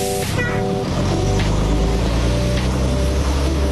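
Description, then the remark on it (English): A bus on the 2.5-hour trip between Kunsan and Osan runs its engine steadily, a loud continuous low rumble with a droning hum that holds without pause throughout. “The Wolfpack Wheels has you covered on the 2.5-hour trip between Kunsan and Osan. Buses running Monday through Sunday.”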